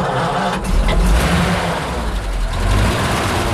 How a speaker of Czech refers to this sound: Takže já teďka se soukám do místa řidiče. Teď se pokusíme nastartovat ten originální osmiválcový benzínový motor Ford, který pohání tady tohleto vozidlo.